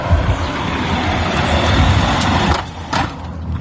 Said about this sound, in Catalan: cada vegada que passa un cotxe fa un ruïdo molt molesto